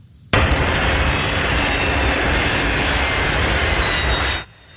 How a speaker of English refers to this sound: Airplane watchers were able to get a glimpse of this Antonov 124 cargo aircraft landing at 19 Wing Comox Sunday. Public Affairs for the base says the aircraft was transporting cargo for the Canadian Armed Forces and remained overnight